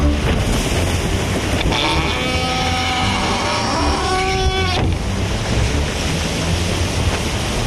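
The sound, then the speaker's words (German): A sailboat surges through ocean waves with a steady, loud rush of water, and a drawn-out creaking groan rises and falls for a few seconds midway. “Wir waren auf hoher See darauf aus, den Schatten zu jagen.”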